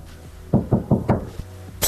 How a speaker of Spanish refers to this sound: Antes de seguir con los mensajes, ¿quién está golpeando la puerta? ¿Quién es?